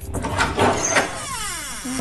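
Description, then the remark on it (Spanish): The door of a newly bought refrigerator opens with a clunk and rattle, then a drawn-out squeaky creak that slides downward in pitch over about a second, fairly loud with no talking. “Eso digo yo, se echa de menos una cervecita fresquita y un poco de aceite lubricante en la puerta, que chirriaba como el ataúd del Conde Drácula, ¿sabes?”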